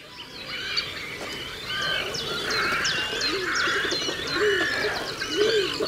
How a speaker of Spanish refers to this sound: En este paisaje de aguas salobres del Tajo aparecen ahora los grandes navegantes silenciosos del río, los cormoranes grandes, nombre científico Phalacrocorax carbo.